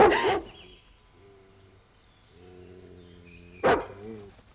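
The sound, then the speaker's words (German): A roaming, poaching dog that everyone is hunting barks loudly and sharply, once at the start and again near the end, with a long, low, droning tonal sound and fainter yelps filling the quieter stretch between. “Irgendein wildender Hund, hinter dem alle her sind.”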